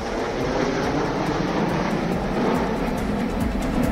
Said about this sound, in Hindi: Jodhpur airbase पर भारतीय वायुसेना की प्रसिद्ध सूर्य किरण एरोबैटिक टीम ने खास लाल रंग के विमानों के साथ भरी उड़ान, आसमान में दिखाई हैरतअंगेज कर।